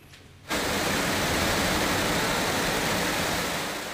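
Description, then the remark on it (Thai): After half a second of near silence, a loud, steady roar of floodwater gushes down the stairs and escalators of a department store in Chiba railway station, Chiba Prefecture, Japan, after record heavy rain. The dense rushing hiss holds unbroken to the end, with no voices. “นี่ครับเป็นคลิปที่คนบันทึกเอาไว้ได้นะครับเป็นน้ำไหลทะลักลงไปตามบันไดและบันไดเลื่อนของห้างสรรพสินค้าแห่งหนึ่งครับอยู่ในสถานีรถไฟชิบะจังหวัดชิบะติดกับกรุงโตเกียวของญี่ปุ่นนะครับ”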